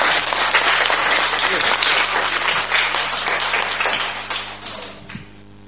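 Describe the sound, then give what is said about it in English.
A crowd applauds loudly with dense, sustained clapping that holds steady for several seconds, then thins into scattered claps and fades out near the end, after a correct answer at a school quiz between primary 4 and primary 5 pupils. “Round of applause.”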